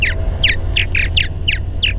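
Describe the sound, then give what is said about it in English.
Purple martin calls: a quick run of seven or so bright, downward-sliding chirps in steady rhythm, clear, over a low, constant background rumble. “If you see or hear these purple martins, you can fill out a form to let the State Department of Fish and Wildlife know.”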